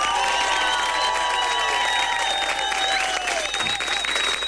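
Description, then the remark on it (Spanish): Loud, sustained applause from a large crowd, dense clapping mixed with whistles and cheering voices, continuous throughout without any speech. “¡Aplauso rabioso!”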